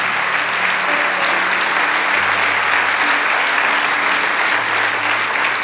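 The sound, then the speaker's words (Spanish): A large audience applauds steadily for several seconds, a dense, continuous wash of clapping that stays loud and even throughout, with a faint low hum beneath it. “Vamos, dale ese aplauso.”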